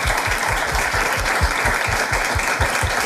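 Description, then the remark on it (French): A crowd claps steadily and loudly, many hands blending into a dense, continuous wash of applause with rapid overlapping claps throughout, no voices standing out. “Moi, je trouve que ça s'applaudit.”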